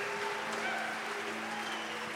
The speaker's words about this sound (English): Man, they start booing you as soon as you walk out here.